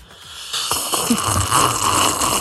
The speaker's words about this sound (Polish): Słuchajcie, jaki jest Międzynarodowy Dzień Herbat, no to trzeba sobie siorbnąć taką herbatkę i robimy konkurs, kto najgłośniej potrafi siorbać. Ja zaczynam.